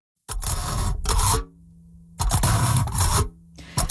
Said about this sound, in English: So that's the sound of a fork poking through aluminum foil.